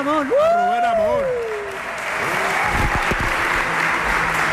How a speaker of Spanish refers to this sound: Flamante ganador del Salvador de Madariaga, sí, por cierto, le pueden felicitar. Eso es verdad. Un aplauso.